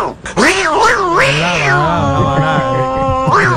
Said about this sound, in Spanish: Tú sabes, la verdadera gata.